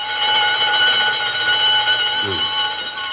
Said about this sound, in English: That burglar alarm on Bernstein's first door. It always goes haywire at 7:32. Been doing it for years.